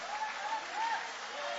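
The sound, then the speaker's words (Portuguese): A church audience applauds with raised hands in worship, a steady, dense patter of many clapping hands that holds at an even level throughout, with a faint tonal voice or melody drifting underneath. “Levanta a mão aplaudindo, levanta a mão adorando.”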